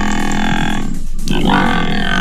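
A water buffalo from the herd used for landscape maintenance at the Tegeler Fließ in northern Berlin, Germany, grunts loudly in a deep, rasping, drawn-out call that breaks off briefly midway before resuming. No one speaks over it.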